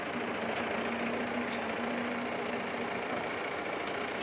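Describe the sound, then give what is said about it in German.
A heavy diesel tractor engine runs steadily while collecting 400 kg bales of mown grass on a wetland meadow of an island farm, a low rumbling drone with a faint humming tone, holding even loudness throughout with no voices. “Wir fahren mit zwei Treckern, weil er halt nicht stehen bleiben kann ewig.”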